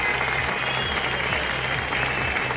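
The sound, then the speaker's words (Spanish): Steady, dense applause from a large crowd at a gathering in the Henares area in support of the city of Ceuta, loud and continuous throughout with no pauses, a broad crackling wash of many hands clapping at once. “También resonaron los aplausos como muestra de apoyo a la ciudad autónoma.”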